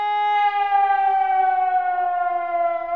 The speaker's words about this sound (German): So klingt zum Beispiel das Warnsignal, das auch viele noch aus früheren Zeiten kennen.